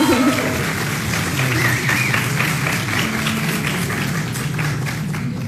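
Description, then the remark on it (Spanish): Sustained audience applause for a singer invited back to perform one more song, a dense steady wash of many hands clapping at a constant loud level, with faint murmuring voices mixed underneath. “Otro fuerte aplauso, por favor.”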